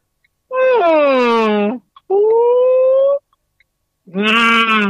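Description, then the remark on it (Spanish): A person's voice imitates a whale call with three long, loud, sliding tonal moans, the first falling, the second slowly rising, and the third starting after a short pause. “te pido por favor el sonido de tu ballena”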